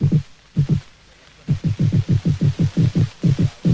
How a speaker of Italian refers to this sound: Il pesce rospo, ad esempio, per tutelare i suoi diritti al proprio luogo di nidificazione, emette un suono simile al rullio di tamburi. E così facendo è come se dicesse vietato l'accesso.